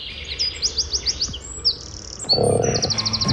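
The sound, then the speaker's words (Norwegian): Birdsong fills a small wooded grove, with rapid, bright chirps and trills repeating in quick series, one bird close and clear while others call more faintly behind, over a soft outdoor hush. “Det klart jeg kan ha litt fuglelyd alt sammen. Du, det var egentlig bare en stakket stund i en liten skogholt”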